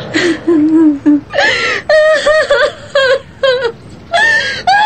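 A woman bursts into loud, anguished wailing, her voice rising into high, quavering sobs in repeated breathy bursts, close and unrestrained, with no other sounds around it.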